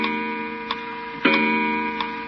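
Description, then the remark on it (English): An old weight-driven clock, just wound by pulling its chain, ticks in slow, irregular clicks, a few sharp taps over a steady humming background, with no one speaking. “This isn't a bad old clock, Unc.”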